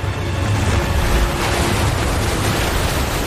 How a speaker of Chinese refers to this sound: 在强大洋流的驱使下，太平洋的寒冷海水猛烈地拍打着费尔南迪纳岛的海岸。